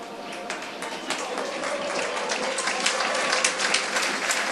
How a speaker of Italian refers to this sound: Applausi a scena aperta per Max Marsili, autore anche quest'oggi. Una grande prova. Tutti in piedi per applaudire un immenso Max Marsili.